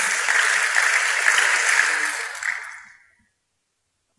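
An audience breaks into loud, dense applause, a steady wash of many hands clapping for about three seconds before tapering off into silence.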